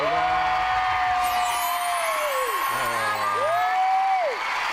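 A crowd claps continuously and fairly loudly for about five seconds, with cheering and a few drawn-out whoops that rise and fall above the steady applause.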